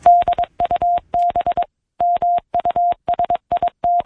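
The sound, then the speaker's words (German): A steady, fairly high-pitched Morse code tone taps out quick dots and longer dashes in clustered groups with short pauses between them, a Morse-encoded message sent via telegraph, clear with no voices. “So tönt es, wenn Menschen von der einen Seite des Planeten eine Morsecode-verschlüsselte Nachricht via Telegraph auf die andere Seite des Planeten übermittelten.”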